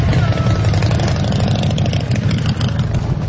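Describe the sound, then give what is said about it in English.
Hundreds of motorcycles idle together at Bike Night, a street event in Smiths Falls with 18 blocks closed, in a steady, loud low rumble with a continuous throbbing texture and no voices standing out. “Hundreds of motorcycle drivers gather for this event.”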